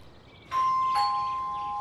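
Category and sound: household object, doorbell ringing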